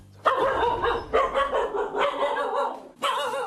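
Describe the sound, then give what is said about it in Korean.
Six dogs of one household bark in overlapping, sustained bursts, a loud chorus of mid-pitched yaps that begins abruptly, runs almost continuously, briefly dips, then surges again near the end. “육남매는 짖느라 못 자고, 할아버지는 말리느라 못 자고, 야간엔 문제가 더 심각했었죠.”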